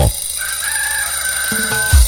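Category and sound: bird, rooster crowing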